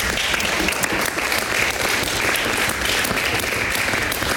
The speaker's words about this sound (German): Vielleicht können wir vorab schon mal Applaus dafür spenden.